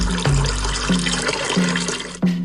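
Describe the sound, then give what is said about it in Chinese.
Cooled brine pours and splashes steadily over layers of duck in a wooden tub for a couple of seconds, a broad watery rush with a few low, hollow thumps as it hits the tub. “一层卤汁，一层鸭子，足量的卤汁浸满整个木盆，没过鸭肉，保证鸭子的每个部位都能均匀上色入味。”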